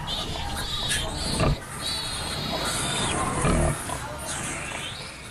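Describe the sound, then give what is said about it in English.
A sow grunts low and steady in the morning while her ten newborn piglets let out a busy stream of high, thin squeaks and squeals, with a couple of louder grunting bursts. “Morning, piggies. Well done, Mum. 10 piggies.”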